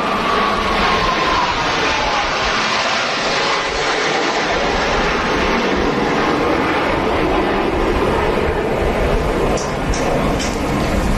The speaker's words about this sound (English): yes, the ships on the water, but the planes flying overhead, and I'll stop yammering here for a moment as we watch those planes fly by. This is pretty amazing, just how low they are to the water. You can hear the crowds cheering as well.